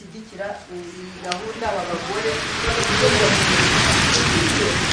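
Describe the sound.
Steady rain drums on a hall roof overhead, heard from a retreat room, a dense hiss that swells louder partway through. Indistinct voices murmur beneath it early on before the downpour takes over.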